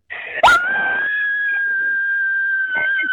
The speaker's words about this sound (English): Welcome to the show. We're about to scream. All right, give it to me, girlfriend. Got to go for it.